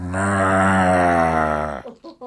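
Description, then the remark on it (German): A voice imitates a cow's moo: one loud, deep, drawn-out lowing tone held for nearly two seconds, followed by a few brief murmured sounds. “Kann auch eine Kuh sein, Buh.”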